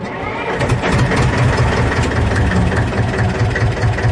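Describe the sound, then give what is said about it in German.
A historic tractor engine idles, a loud, steady low chugging with a rapid, even rhythm that runs unbroken for about four seconds, with no voices. “Die Rede ist von historischen Traktoren.”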